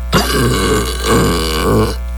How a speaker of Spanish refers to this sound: ¡Qué buenos efectos tenemos en este programa, güey! Sí. Son increíbles. Déjame el eructo.